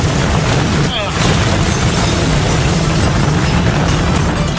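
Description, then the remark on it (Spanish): A smoking helicopter's engine runs steadily and loudly, a dense, rumbling drone with heavy low-end throb and a broad hiss on top, holding constant for the whole stretch with a brief dip near the start. “Perfecto, el helicóptero está echando humo”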